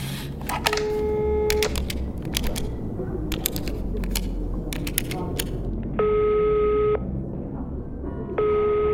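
A phone number is dialed: a run of quick, sharp keypad clicks mixed with a few steady electronic tones, each lasting about a second, over a constant low background hum.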